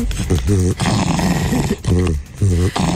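A fox having its belly scratched makes contented, snore-like rumbling noises, with raspy breathy stretches broken by a few louder, throaty bursts in a loose rhythm.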